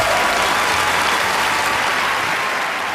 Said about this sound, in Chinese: 掌声送给莫晨宇，小鱼儿。